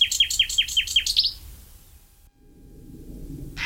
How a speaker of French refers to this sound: Par contre, le numéro 9 est migrateur, c'est le rossignol philomèle. Le rossignol, lui, est arrivé d'Afrique début avril et il repartira fin août. Et lui, vraiment un chanteur extraordinaire, lui aussi.